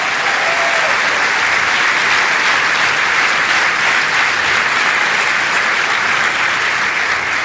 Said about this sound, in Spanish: ¡Aleluya! ¿Cuántos le dan un aplauso al Rey de Reyes?